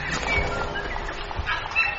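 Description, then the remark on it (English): Several birds call outdoors in New Zealand in the late morning in a busy, continuous chorus, with short whistled notes rising above a steady background of outdoor noise at moderate loudness. No one speaks. “They have completely different birds here.”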